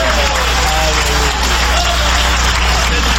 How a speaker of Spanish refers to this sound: Dale un aplauso de poder a Jesús.